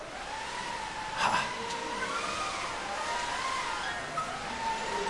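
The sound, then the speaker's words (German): A school class of children blows and whooshes steadily to imitate wind for a pretend sailboat, a continuous breathy rush with wavering, rising and falling whistly tones running through it, with a brief louder gust near the start. “Und zum Segeln brauchen wir vor allem erstmal Wind. Und den kriegen wir von der Klasse 3A.”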